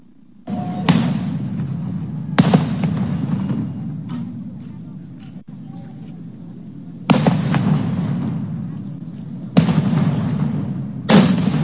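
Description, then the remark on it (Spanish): Loud firecrackers thrown toward the facilities of the 27th Infantry Battalion in Iguala burst one after another at irregular intervals, each sharp bang leaving a rumbling echo over a steady low crowd-like din outdoors. “Vamos ahora con, lanzan petardos hacia las instalaciones del 27 Batallón de Infantería en Iguala.”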